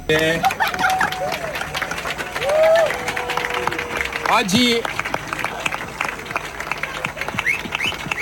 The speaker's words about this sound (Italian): Poi gli applausi si fanno più forti, arriva Gregorio Paltrinieri, saluta la folla e si prepara anche lui a entrare in acqua.